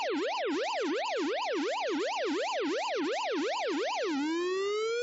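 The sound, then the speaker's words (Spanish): A siren-like jingle announcing exclusive news: a loud, fast up-and-down wail repeating roughly three times a second, then settling into a single held tone that slowly climbs at the end. No voices. “Ahora sí, cortinilla de exclusiva.”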